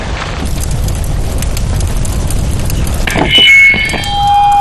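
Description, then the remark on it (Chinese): Heavy, continuous gunfire from the opposing side crackles loud alongside deep booming blasts, then gives way to high whistling tones near the end. No one speaks. “对面的枪声。”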